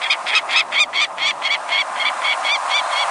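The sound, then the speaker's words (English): A peregrine falcon calls in a rapid, steady series of harsh, grating notes, about a dozen in three seconds, loud, with no other voices. “The mid-sized peregrine falcon nests in some locales across the country”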